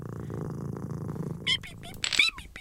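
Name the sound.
cat purring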